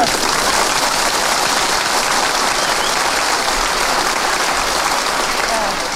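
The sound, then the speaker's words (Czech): Loud, sustained "frenetic" applause from a large audience asked to clap that way, a dense wash of rapid clapping that stays at full intensity for the whole six seconds with no letup and no voices standing out. “Frenetický, zvaný freneťák, jo?”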